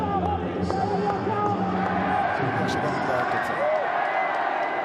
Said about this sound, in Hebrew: כל הכבוד לקמעט קהל שהגיע לפה שעדיין ממשיך לעודד את הנבחרת. מוריד בפנים את הכובע שאין לי.